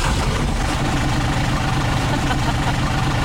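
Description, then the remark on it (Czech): A small lawnmower engine runs steadily, a loud continuous buzzing drone with a rough low-end rumble that holds constant throughout. “Dobrá sekačka.”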